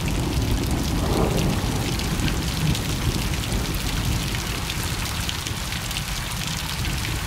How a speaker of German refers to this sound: Für mich klingt es nach Frieden, wenn es regnet und ich drinnen bin und der Regentropfen gegen das Fenster.